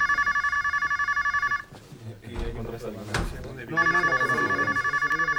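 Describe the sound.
An electronic telephone rings in rapid trilling bursts, pauses briefly amid a clatter and some talking, then rings again loud and close.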